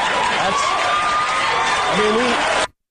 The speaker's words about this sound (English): That's sick. And people cheer it. Woo!